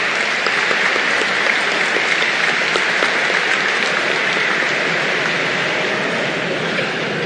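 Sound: audience applauding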